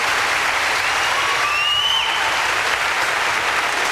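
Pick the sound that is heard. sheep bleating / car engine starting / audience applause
audience applause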